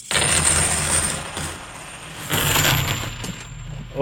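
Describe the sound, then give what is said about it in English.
90% silver coins pour and spill in a bright, jingling rush, a dense clatter of many pieces clinking together, easing off midway before a second burst of tumbling coins. “And, again, these are the 90% silver coins.”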